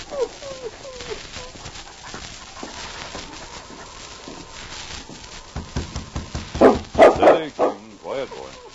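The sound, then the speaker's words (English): A dog, King, barks in a cluster of loud, sharp bursts toward the end, after a stretch of quieter rustling and faint whimpering sounds. It is a Mountie's dog, in the darkness outside a small, neat house. “He studied a small, neat house and murmured to his dog.”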